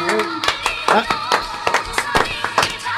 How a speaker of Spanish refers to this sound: Por favor, forte aplauso para o noso amado líder, Xin Chimpi.